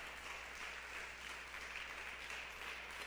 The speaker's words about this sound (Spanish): Si le va a dar un aplauso al Señor, déselo, mi hermana.